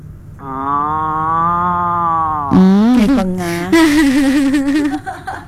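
A long, steady moo drones for about two seconds, followed by several shorter, wavering bellows that rise and fall in pitch. The calls are loud, with no talking.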